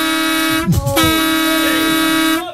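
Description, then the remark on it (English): A loud, sustained vehicle horn blares with rich harmonic tones, briefly broken by a rumbling gap before resuming and holding steady for a couple of seconds. “I would rather hear that horn again”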